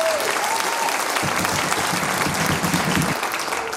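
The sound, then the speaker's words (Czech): Steady, dense applause from a large audience at a folklore programme showcase, for visiting colleagues, fills the whole stretch, loud and continuous with many hands clapping at once, swelling slightly in the middle before easing off near the end. “Velký potlesk pro mé kolegy, kteří přišli na naši přehlídku.”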